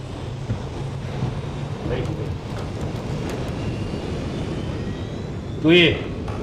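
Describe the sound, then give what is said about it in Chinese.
A steady, heavy airplane engine roar with a low droning hum fills the whole stretch as the plane, ready and cleared for takeoff, powers up, with a brief higher-pitched tonal blip near the end. “飞机一切准备就绪，是否起飞？ 可以起飞。”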